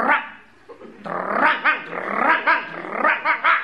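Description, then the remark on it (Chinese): A man imitates a dog greeting old neighbours at a hutong entrance: a short low growl, then a loud, rhythmic run of about half a dozen rough barks and growls with no other talk. “一看老街坊在这儿，这条狗主动上前打招呼。”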